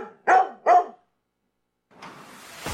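Two sharp, loud dog barks in quick succession, a brief silence, then a broad hissing noise that swells and ends in a thump.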